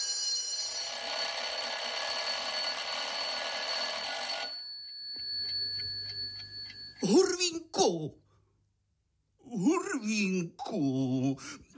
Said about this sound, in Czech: Už zvoní. Zvoní, Hurvínku!